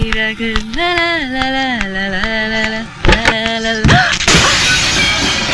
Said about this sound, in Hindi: इतना खूबसूरत सा घर तोड़ दिया। ये घर तो सिर्फ शीशे का था, जिसके टूटने पर तुम्हें इतनी तकलीफ हो रही है।